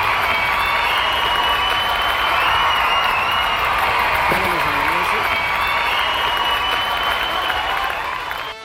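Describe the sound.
Sustained, dense applause fills the whole stretch, a steady wash of many clapping hands with a brief voice rising faintly beneath it midway, fading slightly at the end.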